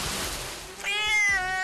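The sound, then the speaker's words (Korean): A cat lets out one loud, drawn-out meow, bright and full of overtones, holding a fairly steady pitch. A short stretch of hissy background noise comes before it, and no one speaks. “양이의 울음소리에 노이로제에 걸렸다는 집사를 찾아갔는데요.”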